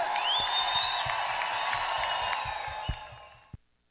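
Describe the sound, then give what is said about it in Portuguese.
A crowd applauds and cheers, with a couple of rising whistles or whoops near the start, a steady wash of clapping that thins out and stops after a few seconds. “de palmas pra eles, aê!”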